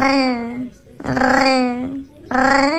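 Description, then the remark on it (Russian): A cat makes odd, drawn-out vocal sounds: three long, wavering, moaning calls in quick succession, loud and tonal, almost speech-like in their rising and falling pitch. “Мне тут попался кот, необычный очень кот, который мурлычет, как настоящий парижанин.”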